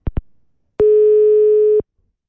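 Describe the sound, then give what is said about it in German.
Two quick clicks, then a single steady telephone beep at a mid pitch that holds for about a second before cutting off, a busy tone after the call is rejected by the other party. “bist du weggedrückt worden?”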